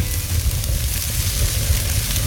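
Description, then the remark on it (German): A steak sizzles steadily on a barbecue grill, a dense, continuous hiss with fine crackling, fairly loud, with no voices. “Das Steak zischt auf dem Rost, der Grillduft liegt in der Luft und da bekommt man irgendwie sofort Hunger.”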